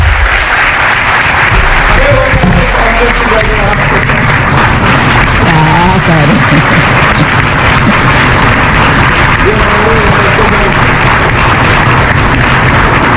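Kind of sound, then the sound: crowd, loud audience applause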